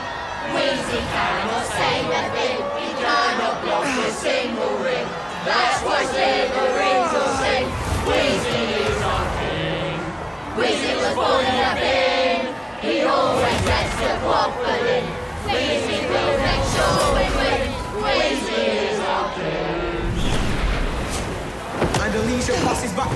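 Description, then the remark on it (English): A large crowd of Slytherin supporters in green and silver sings together in the stands, a loud, sustained mass of voices with rising and falling chant-like phrases and shouts, continuing steadily throughout. “and the crowd are loving this. Just listen to them. What's that they're singing?”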